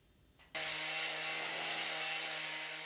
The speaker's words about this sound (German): Laute Bauarbeiten da, wo eigentlich längst alles fertig sein sollte.